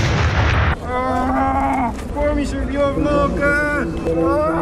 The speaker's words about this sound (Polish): Jest uderzenie drona, najprawdopodobniej przemytniczy. No coś wybuchło i działamy.